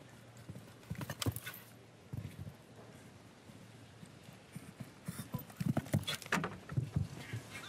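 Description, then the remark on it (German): Horse hooves clip-clop in an uneven, steady rhythm as a show jumping horse is ridden on the course, the dull thuds bunching into quicker flurries toward the end. No voices, just moderate hoof beats over a soft background hiss. “Gucken Sie mal, wie dieses Pferd leicht und locker auch im Körper bleibt.”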